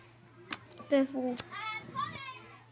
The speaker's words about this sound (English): They sound like cats. Or dogs. It's just some kids playing outside. It's lunchtime, isn't it? For some reason, it sounds like they're trying to bang the door.